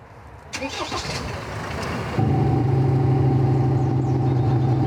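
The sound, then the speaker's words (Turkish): A car fitted with an added sound module cranks and starts for a police noise measurement, then settles into a loud, steady rumbling idle with strong low harmonic tones from the sound module, no voices heard. “Motoru çalıştırabilir misiniz?”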